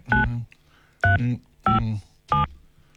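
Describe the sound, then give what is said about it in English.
A phone number being dialed to call a radio listener live on air: four distinct touch-tone beeps, each a short steady electronic tone, spaced evenly about half a second apart, fairly loud with no talking. “Let's go to the phone. So if your phone rings now, you're not allowed to say naughty words, all right, because you're live on the radio.”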